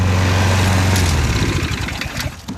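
A motorized lawnmower engine runs close by, a steady loud droning hum that wavers slightly in pitch as it keeps going, with no voices present.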